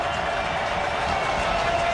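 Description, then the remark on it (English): A dense, steady roar from a big stadium crowd at an American football game rises on a fourth down, a loud wash of many voices blending together without any single shout standing out. “Crowd rising on this fourth down.”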